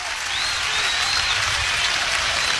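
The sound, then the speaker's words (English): Steady applause from a large crowd at a Huskers baseball game as a Husker batter takes a ball to even the count at 2-2, a dense wash of clapping holding at an even level throughout with no voices standing out. “I've never heard so much applause for a Husker taking a ball since I've been doing this.”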